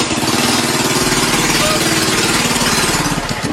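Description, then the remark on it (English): The motor of a small toy Barbie car, driven by a man in Georgia, runs steadily: a loud, constant buzzing whir with a rapid, even pulsing throb underneath that holds for the whole stretch. “Anybody seen the Georgia man that said gas prices were so high, he started driving a Barbie car instead?”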